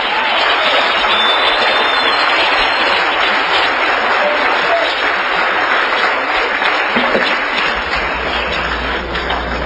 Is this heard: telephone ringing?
no